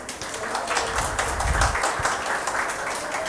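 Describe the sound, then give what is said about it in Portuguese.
A crowd breaks into steady applause for a woman doctor being introduced as a speaker at the Amapá Agro Summit 2026, many hands clapping in a dense, even wash of sound that holds at a constant loudness for a few seconds with no one speaking. “Uma salva de palmas para a doutora.”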